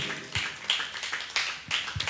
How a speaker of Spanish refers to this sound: Dele fuerte las palmas al Señor. Aleluya.